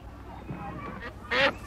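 A duck lets out two loud, nasal quacks, a longer one followed by a quick short one, over a faint murmur of background noise.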